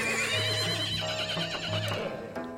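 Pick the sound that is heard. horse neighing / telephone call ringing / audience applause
horse neighing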